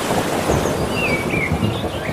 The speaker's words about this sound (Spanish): Mira, vamos a juntarlo todo, ¿eh? Olas. Y algún trueno.